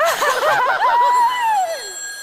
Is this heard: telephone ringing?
yes